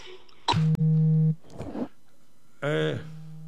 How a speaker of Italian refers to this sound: Niente, è arrivata una telefonata. Aspetta che devo dire, rifiuta, ecco, no, perché naturalmente sono in trasmissione.